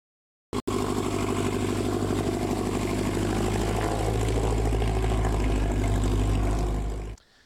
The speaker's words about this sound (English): Rotors and motors were humming in northeast Nebraska yesterday for the annual fly-in breakfast. It's part of the Experimental Aircraft Association Chapter 569 event. 2 days of showing appreciation for flight at the Norfolk Regional Airport.